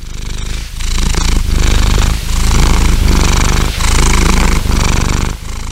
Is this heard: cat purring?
yes